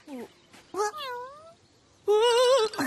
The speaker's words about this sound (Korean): 놀랄 거 없어. 바랄라 페어리즈가 아니라 고양이라고.